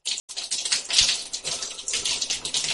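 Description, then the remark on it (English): Steady hiss of shower water splashing into a container during a water-flow experiment, with about 100 milliliters collected, an uneven spattering texture, a brief break near the start, and no voices. “Now you're just dripping everywhere.”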